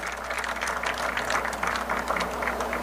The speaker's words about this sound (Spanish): Então, eu quero pedir um forte aplauso também. Honorável membro do Parlamento, Mike de Meza, amigo.